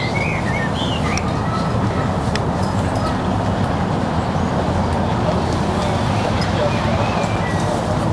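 A steady, wash-like roar of ring road traffic, heard faintly, fills the background without pause, while a few small birds chirp faintly and intermittently above it.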